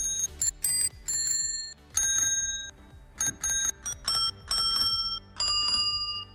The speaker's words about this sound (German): welche Sommerhits wir mit einer Fahrradklingel nachgespielt haben. Hier mal so ein Beispiel.